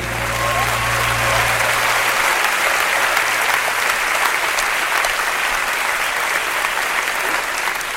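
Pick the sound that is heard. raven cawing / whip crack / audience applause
audience applause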